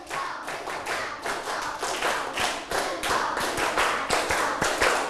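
A class of children clap their hands five times as one set, a dense, slightly ragged burst of claps that carries on steadily for several seconds, loud, with no talking.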